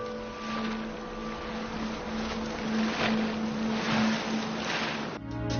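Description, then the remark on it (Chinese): Steady rush of wind and open water on a sailboat at sea, with a low humming tone running underneath throughout; no one speaks, and the sound cuts off abruptly near the end. “我们在帆船上借助大海的力量去完成自己的梦想。”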